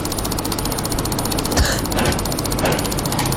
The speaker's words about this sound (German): Und jetzt, Achtung, er hat es geschafft, in 60 Sekunden über 700 Mal die Maus zu klicken. Man denkt sich, wie geht das? Wie geht das? Und das will man natürlich jetzt gerne mal hören. Und so hat sich's angehört.